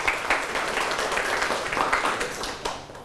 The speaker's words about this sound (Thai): ปรบมือให้กลุ่มที่2แล้วก็กลุ่มที่1ครับ